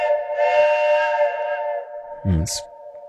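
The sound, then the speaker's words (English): A loud, sustained truck horn blares as one steady, multi-toned blast for about three seconds, and a brief voice cuts in just before it ends. “Oh, Deb, that deserves a big truck horn.”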